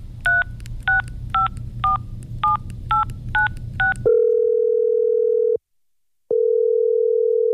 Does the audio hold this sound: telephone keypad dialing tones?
yes